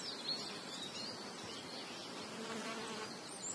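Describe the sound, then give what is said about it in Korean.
Flies buzz continuously around the mouth of a Gran Canaria giant lizard in a dry environment in the Canary Islands, a soft, steady droning hum with slight wavering as they move about, quiet and with no voices. “겁없는 파리들이 도마뱀의 입 주변을 거침없이 날아다닙니다.”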